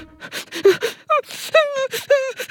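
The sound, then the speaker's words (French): A voice imitates the cuddly toy Toudou crying while sitting in a corner, with breathy gasping sobs and rising whimpering wails in an uneven rhythm, fairly loud, with no other speech. “Il est assis dans un coin et il pleure.”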